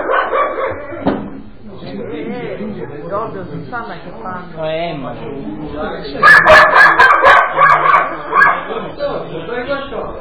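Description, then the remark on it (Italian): A dog barks repeatedly in a quick burst of sharp, loud yaps near the end, with people talking throughout and over the barking. “Sto cane lo uccido.”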